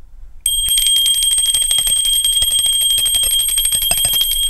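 A small school bell rings loudly and continuously for recess after a brief pause, its bright metallic clanging rapid and unbroken, with no voices.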